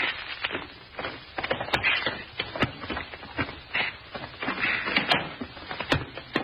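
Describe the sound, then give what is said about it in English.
Keys jangle and rattle, followed by the metallic clicks of a lock turning and the shuffle and creak of a door being pushed open, with no one speaking. “All right, go ahead and open the door, sort of. Here's the keys.”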